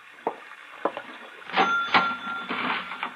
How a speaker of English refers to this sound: You throw the latch on the door. We're closed, that's all.